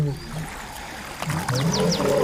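Three male lions roaring as they wade across a river, with low, drawn-out groaning calls that rise and fall and overlap. Brief high chirps cut in near the end. No one speaks.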